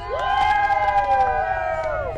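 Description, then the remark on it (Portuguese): Football fans from Brasília, Brazil, cheer and shout together in a loud, sustained roar, with long held tones rising above the crowd noise for a couple of seconds. “A galera vai gritar agora, vocês vão ouvir como é que tá a torcida dos brasilienses.”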